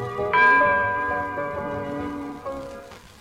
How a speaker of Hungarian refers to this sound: Beleharangoznak szerte Magyarországon. Ez a harangszó a nándorfehérvári hősökre emlékeztet.